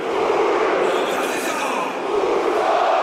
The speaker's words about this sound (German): Und das feiert natürlich das Stuttgarter Publikum. Das ist auch gut so, tönt es hier aus dem Stuttgarter Rund. Das überfällige 1:0 in der 39. Spielminute von Bilal El-Khanous.